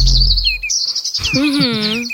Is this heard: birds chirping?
yes